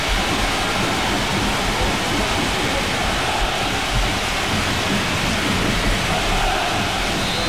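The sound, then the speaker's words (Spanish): Steady, dense hiss of rain pouring down without a break during a minute of silence at a football match, fairly loud, with no voices or other distinct sounds. “Ostras, el sonido es el de la lluvia.”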